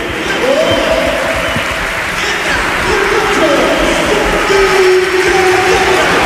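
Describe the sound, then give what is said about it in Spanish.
A crowd at the Carlos Tartiere football stadium during an Oviedo match roars and cheers without a break, a dense, loud wash of noise with clapping, and sustained chanting or whistled tones rising out of the din now and then. “Escuchamos el Carlos Tartiere.”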